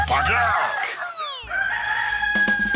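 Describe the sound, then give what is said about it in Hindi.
A rooster crows loudly, one long drawn-out cock-a-doodle-doo with bright harmonic pitch sweeps, followed by a brief burst of other sound at the end, introducing the Mirchi Murga radio segment. “मिर्ची मुर्गा”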